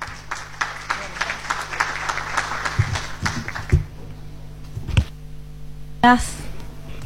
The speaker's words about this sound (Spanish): Y seguidamente convocamos a la directora nacional de Cambio Climático del Ministerio del Ambiente y Desarrollo Sostenible. Ella es Ethel Estigarribia, quien recibimos con un fuerte aplauso.